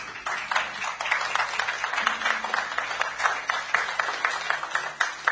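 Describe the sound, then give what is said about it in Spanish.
A crowd applauds steadily for several seconds, a dense, even wash of clapping with no clear pauses and no voices over it, called for by a radio host on Writer's Day. “Así que yo les pido un fuerte aplauso en sus hogares y aquí.”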